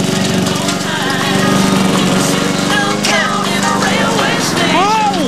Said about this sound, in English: Vincent lies on a recliner, wearing sunglasses and headphones, as Oliver mows mud in the back garden, creating clouds of dust.